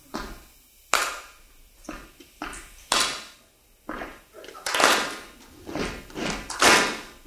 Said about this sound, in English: So I'll show you. It's a combination of stomping and clapping.